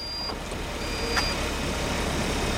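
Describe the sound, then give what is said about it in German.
A self-driving test car, packed with electronics and sensors on its roof, pulls away on its own on Berlin streets with a steady, smooth road hum, while thin high-pitched electronic beep tones sound on and off above it. No one speaks. “Die Türen schließen sich, alle schnallen sich an und das Auto, vollgepackt mit Elektronik und Sensoren auf dem Dach, fährt von alleine los.”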